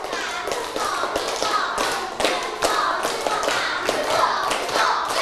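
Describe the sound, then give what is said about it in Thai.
Students clap together following set steps, in a loose, steady rhythm, with dense sharp hand claps overlapping and regular accented beats running throughout at a fairly loud level, with no talking. “ปรบมือตามสเต็ปค่ะปรบมือตามสเต็ป”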